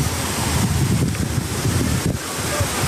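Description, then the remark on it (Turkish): Heavy rain and floodwater rush down roads turned into streambeds in Gerede, Bolu, after 40 kg of rain per square metre fell in two hours. The water makes a loud, steady roar, unbroken for the whole stretch, with deep rumbling churn underneath and no voices. “İki saatte metrekareye 40 kilogram yağış düştü. Yollar dere yatağına döndü.”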